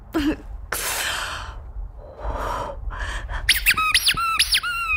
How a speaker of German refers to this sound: Das ist meine Geburtstags-Quietsche-Ente Birthday Bert und der hat null Chill für deine Scheiße.